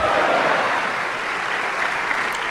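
A crowd claps for the Lord, a dense wash of many hands that stays at an even, fairly loud level with no voices heard.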